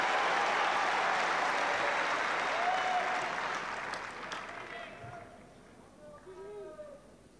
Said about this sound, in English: So Ogier Eliassine coming down to the commentary box end. With Davidovich Fokina getting a big cheer as he strides towards the far end.